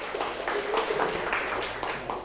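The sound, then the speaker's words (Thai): A class of children in a maths lesson clapping together for a classmate who answered a fractions question correctly, in a steady, dense patter of applause that holds at an even loudness for a couple of seconds, with faint voices mixed in. “ถูกต้องครับปรบมือให้เพื่อนหน่อยครับ”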